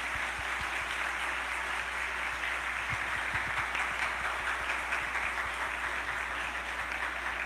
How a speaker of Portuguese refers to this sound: Uma salva de palmas ao nosso querido padre